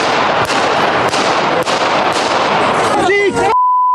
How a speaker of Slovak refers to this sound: 15. maj Handlová. Premiér Robert Fico ide po rokovaní vlády pozdraviť ľudí. O pár sekúnd je počuť 5 výstrelov z pištole.